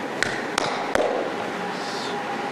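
Three sharp knocks on someone's door in the middle of the night, evenly spaced in quick succession, followed by a steady background hiss with no voices.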